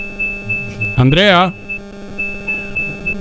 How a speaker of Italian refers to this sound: Niente, non sentiamo Andrea Chiari, sentiamo solo un bip bip del suo, e quindi per ora andremo avanti solo con la cronaca di Alessandro Materassi. Purtroppo gli altri telefoni non sono disponibili